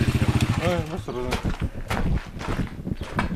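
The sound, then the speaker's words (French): A motorcycle engine putters with a steady low pulsing rhythm as it rides into the ancient site of Palmyra in Syria, while voices talk over it and wind buffets in the background. “On entre sur le site antique de Palmyre à moto.”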